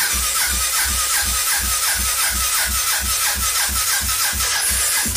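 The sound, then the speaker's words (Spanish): An old, cold motorcycle engine, unused since Thursday, cranks over and over without catching, a steady, rapid chugging rhythm with a raspy mechanical edge, loud, with no voices. “Espere, que es que ella es tímida para prender.”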